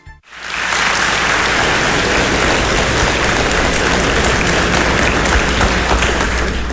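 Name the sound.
audience applause and laughter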